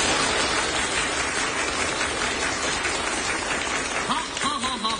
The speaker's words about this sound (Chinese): 您听这掌声怎么样？ 非常合乎标准。